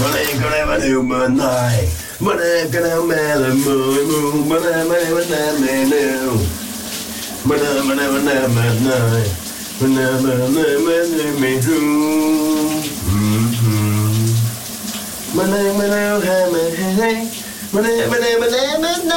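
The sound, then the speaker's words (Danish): A man, a colleague at radio station VLR, sings a big Danish hit song loudly in the shower in the morning, his voice echoing over the steady hiss of running shower water throughout. “han synger i brusebadet.”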